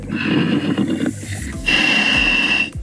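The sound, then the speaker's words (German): Two loud, hissing breaths from a scuba diver's regulator during a dive in the Mummelsee lake, one drawn in and one pushed out with a rasping, whistling edge, dominating, separated by a brief pause, with no talking. “Darth Vader im Mummelsee. Jetzt hört man ihn richtig atmen.”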